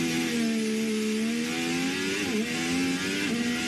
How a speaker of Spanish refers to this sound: De hecho, ahora mismo estamos en plena sesión de tarde. A esta hora rugen los motores en el norte de Madrid.